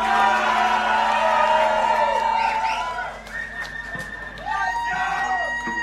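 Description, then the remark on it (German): A crowd applauds and cheers loudly and steadily for the event organisers, the Surfing-Team, with shrill whoops and shouts rising above the dense clapping. The noise dips briefly around the middle, then swells again. “Ein warmer Applaus gebührt auch an den gesamten Veranstalter vom Surfing-Team.”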